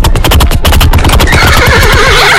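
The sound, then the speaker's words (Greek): A voice imitates a horse, starting with a quick rhythmic galloping clatter and then breaking into a loud, wavering, high-pitched whinny, unaccompanied by talk. “στείλτε μας ηχητικό μίμηση αλόγου”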